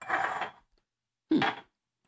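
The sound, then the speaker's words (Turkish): Ice cubes tumble into a cup in two short clattering bursts separated by a brief pause, a bright rattling clink with no voices. “Şöyle buzu döküyorum.”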